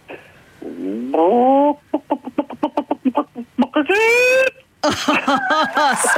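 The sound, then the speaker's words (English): A person does a loud chicken impression on request: a rapid series of staccato clucks followed by a drawn-out rising squawk and more warbling bawks, all voiced by a human. “give me your best chicken impression.”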